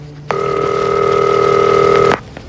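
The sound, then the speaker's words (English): A single steady electronic telephone tone sounds for nearly two seconds as a call is placed to a father, clear and fairly loud, then cuts off abruptly. No one speaks. “Oh, I'm really glad you answered the phone.”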